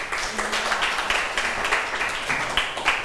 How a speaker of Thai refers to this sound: ใช่ค่ะเก่งมากปรบมือให้เพื่อนหน่อยค่ะ